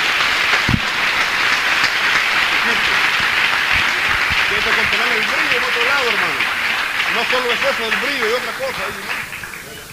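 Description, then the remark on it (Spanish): A church audience applauds loudly and steadily for about ten seconds, giving the Lord a round of applause, a dense wash of clapping with voices calling out and cheering underneath, tapering slightly at the end. “Denle un aplauso al Señor, por lo menos por eso, hermano.”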